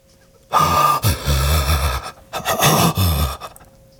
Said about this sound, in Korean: 이제야 숨이 제대로 쉬어졌다. 기침이 터져나왔다. 긴 숨과 함께 잔뜩 힘이 들어가 경직되었던 팔다리가 풀어졌다.